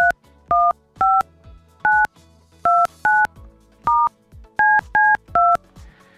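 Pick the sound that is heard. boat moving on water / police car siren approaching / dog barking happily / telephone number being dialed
telephone number being dialed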